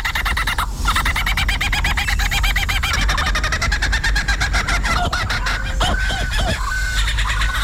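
A lyrebird pours out a loud, continuous medley of mimicked songs of other bird species: rapid repeated trills and chips shifting into whistled swoops and clucking calls, with no talking.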